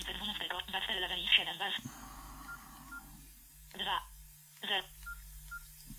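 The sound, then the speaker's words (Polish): A rapid run of electronic phone keypad beeps, followed after a pause by two more separate tones, fairly loud, as a number is dialed to call a Samsung Galaxy phone. “I zadzwonimy do tutaj Samsunga Galaxy.”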